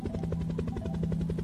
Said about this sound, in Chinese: 你听，这是从阳台来的哦。你看，有一架直升机飞过天空。你觉得直升机要飞到哪里呢？